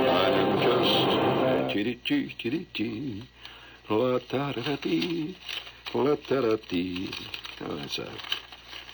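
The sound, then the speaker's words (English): A bird coos repeatedly in soft, warbling phrases against a steady background hiss, with a burst of rustling noise at the start before the cooing settles into an uneven rhythm; the bird is in Philadelphia. “I think Philadelphia's got a bird.”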